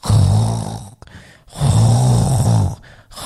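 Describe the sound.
A person imitates snoring with two long, rumbling, drawn-out breaths separated by a short pause, loud, with no other talking.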